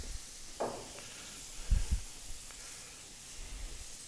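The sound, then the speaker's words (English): A splash of San Giuseppe white wine hits a hot pan and sets off a steady, soft sizzling hiss that runs throughout, broken by a brief higher fizz early on and a couple of dull low knocks midway. “And then just when it's getting hot to the point where you're worried that it's going to burn, then a splash of white wine.”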